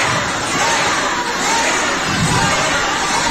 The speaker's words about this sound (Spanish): Van a oír una rechifa que se llevó la presidenta.